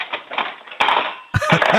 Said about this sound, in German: So, und jetzt laufst du mal in die Küche. Und dann holst du alle von den Gabeln raus und lässt sie nochmal in die Lade reinplumpsen. Das wollen wir voll laut hören.